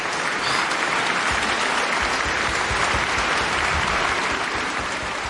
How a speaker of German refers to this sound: Ah, Applaus.